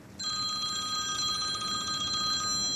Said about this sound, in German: Der hat im Moment nicht so viel Zeit zum Reden, fast gängig läutet sein Telefon.